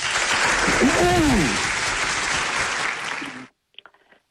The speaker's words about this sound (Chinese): 好嘞，掌声有请。